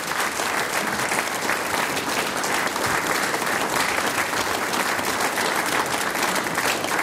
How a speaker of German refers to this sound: Danke, dass wir wieder da sein dürfen. Euer Applaus. Dankeschön.